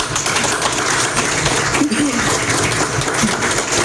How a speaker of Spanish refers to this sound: que estamos hoy día acá en su casa, un aplauso para ella.